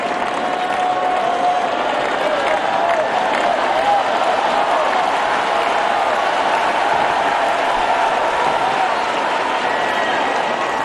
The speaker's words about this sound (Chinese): 出现这样的突发局面，对于高夫来说是承受着一定的压力的，而现场的掌声也给到他，希望他能够再接再厉。